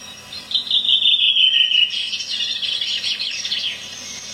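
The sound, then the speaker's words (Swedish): A bird sings alone on Öland: a clear, high whistled phrase that slides gently downward, followed by a rapid, buzzy trill, moderately loud against a quiet background. “Sen har jag varit nere på Öland och spelat in. Där kom den. Mer klar stämma.”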